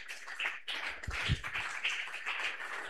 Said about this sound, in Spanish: Todos levanten vuestras manos sin ira y sin contienda y vamos a recibir al siervo de Dios con fuertes aplausos para Cristo Jesús.